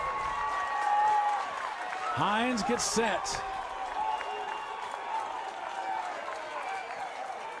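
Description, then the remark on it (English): A baseball stadium crowd on its feet, with the game tied, bases loaded, two outs and a 3-2 count in the bottom of the seventh, cheers and claps steadily throughout, with a brief burst of louder whistling or shouting near the middle, while an announcer speaks over the noise. “Crowd gets on their feet.”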